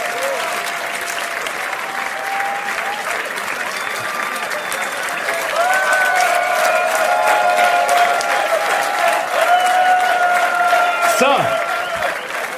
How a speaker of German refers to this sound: das ist nochmal euer Applaus.